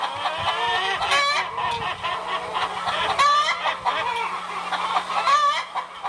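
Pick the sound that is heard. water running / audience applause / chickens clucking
chickens clucking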